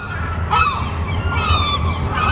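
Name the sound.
seagulls screeching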